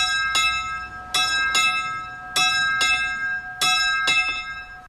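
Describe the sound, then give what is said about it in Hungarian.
The small bell of Lőrinc, hung in a restored bell tower, tolls for someone who has died in loud strokes, about seven in all, falling in uneven pairs, each clang ringing on with a bright sustained hum between strikes. No voices. “Hogyan is szól, ha valakiért szól a lőrinci kis harang?”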